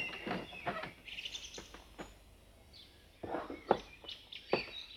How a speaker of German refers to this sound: Solche große Aufregung und so ein kleiner Vogel.